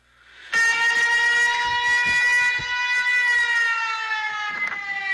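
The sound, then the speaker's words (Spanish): A tsunami warning siren in Alaska, set off by a magnitude 7.3 to 7.5 earthquake, blares in a loud, steady wail, its stacked harmonic tones holding almost level with a slight downward drift, sustained without pause for several seconds. “Un terremoto de entre 7.5 y 7.3 accionó las alarmas de tsunami.”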